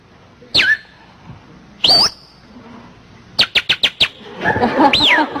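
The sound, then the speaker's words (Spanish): A person whistles birdlike chirps: two swooping whistles, then a quick run of five sharp chirps and a warbling trill, fairly loud with no talking. “Llega la pajarita y le insinúa, ¿no?”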